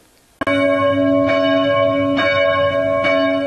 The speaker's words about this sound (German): Die Glocken der Christuskirche in Amfort rufen zum Gottesdienst.